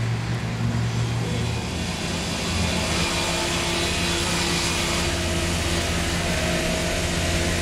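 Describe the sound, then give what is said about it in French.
Huge trucks loaded with wood rumble steadily through mud and sawdust at a sawmill in Iquaraci, near Belém, with a deep, droning engine note and low tonal hum, loud and continuous throughout, with no talking. “D'immenses camions chargés de bois circulent dans un mélange de boue et de sciure.”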